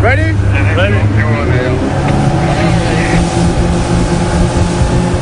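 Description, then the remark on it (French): Three motorboats launched from the rescue ship Ocean Viking roar steadily at full throttle toward a small boat during a sea rescue, a loud, constant droning rumble with rushing water, while voices call out briefly near the start. “Ni une ni deux, trois canots à moteur sont envoyés à l'eau.”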